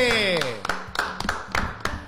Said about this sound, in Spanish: ¡Ah, impecable! ¡Fuerte el aplauso, che!